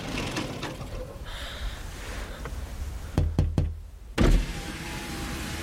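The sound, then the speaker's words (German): A motorcycle engine tries and fails to start: three quick sharp clattering coughs, a brief pause, then one louder sputtering burst that dies away over a steady low rumble. No one speaks. “Guck mal, hey, sein Motorrad springt nicht an.”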